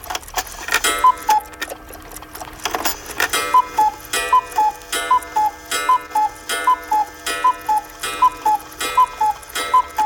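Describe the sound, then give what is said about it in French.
A cuckoo clock sounds its two-note falling 'cuckoo' call again and again at a steady pace, over a constant crisp ticking. The calls are clear and mid-pitched, with no voices. “Qu'est-ce que c'est que ça ? Un oiseau.”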